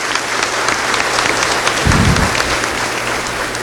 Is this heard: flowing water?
no